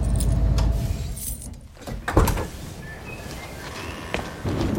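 A van's low engine rumble cuts out as it is stopped after being pulled over by the police, followed by a bright metallic jangle of keys, with a few clinking bursts over a quiet background.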